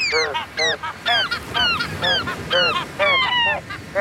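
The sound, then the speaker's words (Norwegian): A chorus of seagull calls, loud, squawking in a quick rhythmic series of about a dozen rising and falling cries that shift pitch like a tune, imitating a well-known pop song, with no talking. “P4s måkekor rett og slett har etterlignet en kjent låt som vi snart spiller”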